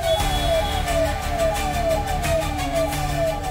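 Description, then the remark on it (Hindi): A fire engine siren wails in rapid repeating downward sweeps, loud, over a constant rumble of engine and traffic noise with no talking, as the fire engine carries firefighters through Delhi traffic on a real emergency call. “ये एक real call है और हम इस रियल कॉल पर इस दमकल की गाड़ी में फायर फाइटर्स के साथ निकल गए हैं।”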